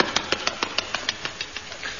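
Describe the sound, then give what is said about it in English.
A car engine cranks over in a steady run of rapid, evenly spaced chugging pulses, about a dozen in two seconds, moderately loud with a gritty mechanical rasp and no voices. “I'd better follow him in the car.”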